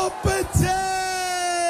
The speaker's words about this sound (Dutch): Dan gaan we allemaal met die handen de lucht in. Ik zeg dan 3, 2, 1. En dan allemaal juichen mensen. 3, 2, 1.